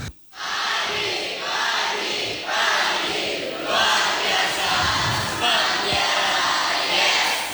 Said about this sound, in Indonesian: Oke, teman Pro 2 FM. Oke, bisa tepuk tangan sekali lagi? Oke.